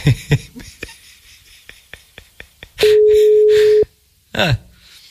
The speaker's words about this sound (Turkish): Bak meşgule aldı telefonu canlı yayına çıkmasın diye, gördünüz mü?